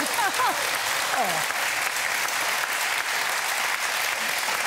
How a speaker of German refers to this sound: Und Sie kennen das schon mit dem Applaus, denn Sie waren tatsächlich vor 10 Jahren fast genau auf den Tag schon mal hier.